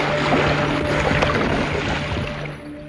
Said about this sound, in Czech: Stála v místech, kde se nalézalo záložní kormidlo a kde se hlučně otáčel lodní šroub.